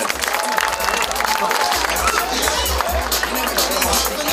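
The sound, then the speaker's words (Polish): A large crowd applauds steadily in a big, echoing arena, a dense wash of clapping and cheering that stays loud and unbroken from start to finish, applauding team member Filip Brylski as he is introduced. “No tak, Filip zbiera jak zawsze zasłużone brawa.”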